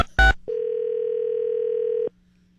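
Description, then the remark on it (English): A brief click is followed by a single steady electronic ring tone on a phone line as radio station 98.1 The Max calls someone at random for a survey, lasting about a second and a half before cutting off, with no voices. “This is where we call somebody up at random.”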